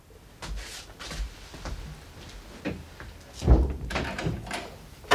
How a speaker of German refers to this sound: Machen Sie die Tür zu und schließen Sie ab.